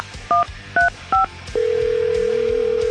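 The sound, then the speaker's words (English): Three short, evenly spaced touch-tone beeps as a phone number is dialed to call a contest winner, followed by a steady, unbroken line tone over a low background hum. No one speaks. “Now let's call Danielle Vaccaro of Rocky Point.”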